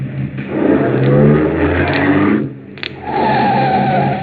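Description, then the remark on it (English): A car engine revs hard and accelerates during a car chase, its loud throaty roar rising and holding, briefly dipping with a short screech before surging again. No one speaks. “Pull up beside him, quick.”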